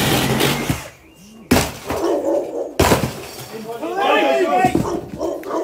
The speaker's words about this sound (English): The officers gather in the front garden, and then the quiet turns to noise. A ripsaw tears through the centre of the plastic front door.